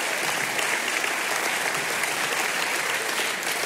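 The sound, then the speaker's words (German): A crowd claps steadily, a dense, even wash of many hands applauding at a constant loudness for a few seconds, with no voices standing out. “Sie können ruhig klatschen, wenn Sie möchten.”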